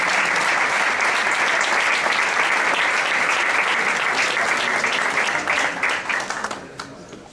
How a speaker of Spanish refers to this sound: Un aplauso para Agua Clas.